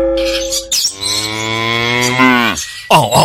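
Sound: water buffalo lowing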